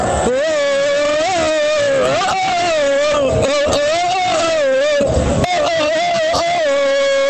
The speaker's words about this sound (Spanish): Acá los compañeros, no sé si me escuchan, pero de fondo, escuchen el himno. ¿Quieren que escuchemos un pedacito del himno? A ver si lo alcanzan a escuchar.